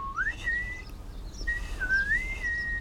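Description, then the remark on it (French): Two clear, sustained whistled phrases with gently rising and wavering pitch, separated by a short pause, moderately loud over a faint background hum; birdlike whistling in reply to a tit, a small blue bird with a yellow belly. “Tout doux lui répond en sifflant.”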